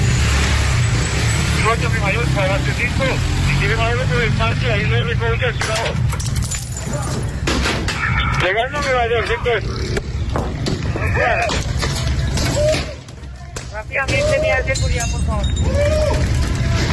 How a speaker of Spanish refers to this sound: Con piedras y palos, así recibían a la policía estas mujeres que organizaban todo lo que pasa en la Estanzuela.